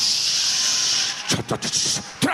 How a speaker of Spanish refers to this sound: Pongo un sonido de lluvia.